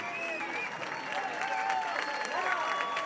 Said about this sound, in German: So, das Lied geht hier gerade zu Ende. Die Menschen klatschen.